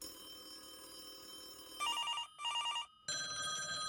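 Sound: telephone ringing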